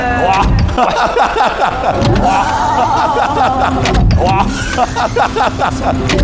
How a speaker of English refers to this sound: Oh wow! This is a nice gimmick with, you know, the, I don't know how to call it, the flying doors opening, which was nice.